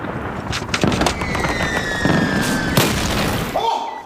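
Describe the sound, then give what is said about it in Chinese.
Several heavy enemy artillery shell explosions boom in quick succession over a continuous roar of battle. A thin whistling tone drifts through the middle, and the blasts sound loud. “敌人的炮火很猛啊，但是他们不敢前进一步。”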